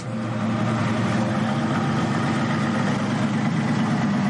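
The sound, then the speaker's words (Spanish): A safari vehicle's engine idles steadily at 7 in the morning, ready for a photographic safari with a small number of visitors: a continuous low rumble with a faint rattling texture that holds even throughout, with no voices. “A las 7 de la mañana, los coches están preparados para realizar un safari fotográfico con un reducido número de visitantes.”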